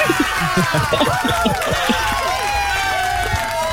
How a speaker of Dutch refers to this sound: Nou, een hartelijk applaus was het.